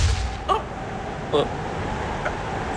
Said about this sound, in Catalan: Això que heu sentit és una bomba. Això és una bomba? Tan petita que en comptes de rebentar l'avió només obre un trist forat de dos pams a l'estructura.